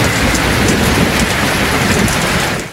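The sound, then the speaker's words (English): Steady rain falling, a dense, continuous hiss of drops spread evenly across the whole stretch, fairly loud, with a faint low rumble underneath and no voices. “The sound of rain falling.”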